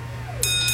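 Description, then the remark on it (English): A driveway bell at a Valvoline Instant Oil Change dings twice in quick succession as a car rolls in, each strike bright and ringing with a lingering tone, heard clearly over a steady low engine-like hum with no talking. “That's one smart bell.”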